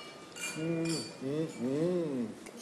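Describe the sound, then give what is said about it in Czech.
A few light wine glass clinks ring out, short and bright, as voices speak a toast over them. “Na zdraví. Na zdraví. Vážení přátelé, na zdraví”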